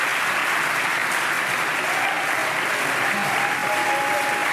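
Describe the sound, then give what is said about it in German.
A large crowd at a gala in the Kurhaus in Baden-Baden, Germany, applauds and cheers steadily after the announcement that Germany will bid with Munich to host the Olympics, a dense wash of clapping with faint whoops and a brief whistle rising through it, loud and continuous throughout. “Und ganz viele Promis und Jubel im Moment in Baden-Baden.”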